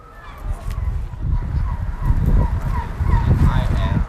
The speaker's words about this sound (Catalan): És el so ambient de Tromsø, és un lloc bastant idíl·lic, ets a dir, vent, vaixells, gavines, motors. És un lloc que ja està a 350 quilòmetres al nord del cercle àrtic, amb nit polar, amb aurores boreals